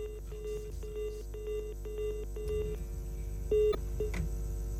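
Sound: telephone dialing tones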